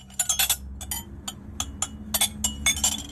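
Plates clink against each other in a quick, irregular series of bright, ringing ceramic knocks, some bunched in rapid clusters, over a low steady hum with no talking, as a family is about to sit down at the table.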